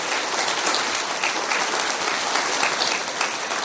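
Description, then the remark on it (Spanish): An audience bursts into sustained applause for the Lord, a dense, even crackle of many hands clapping at steady loudness throughout, with no voices standing out. “¡Aplauso para el Señor!”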